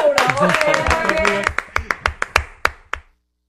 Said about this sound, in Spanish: ¡Corte ya, señor! ¡Vamos, bravo, aplauso para producciones!